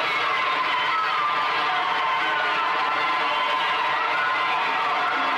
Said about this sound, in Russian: Занавес открывается. Все оказываются на сцене. Зрительный зал полон детей. Дети хлопают.